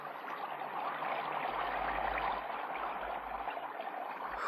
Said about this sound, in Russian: какой вольностью наградила ручей весна.